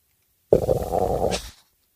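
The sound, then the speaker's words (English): A single loud stomach growl from hunger, picked up by a sensitive Neumann microphone, lasting about a second, a gurgling rumble that ends in a brief squeaky whine, with silence before and after. “That sounds like more like a mole getting his tail caught in the screen door than it does a stomach growl, doesn't it?”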